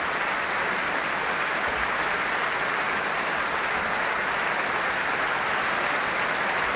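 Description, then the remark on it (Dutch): Sustained, dense applause from a large concert audience in Amsterdam on 23 April, a standing ovation for guest soloist Jefim Bronfman with the Concertgebouw Orchestra, steady and loud throughout with no pauses and no voices rising above the clapping. “Opnieuw een staande ovatie hier in Amsterdam op 23 april voor Jefim Bronfman.”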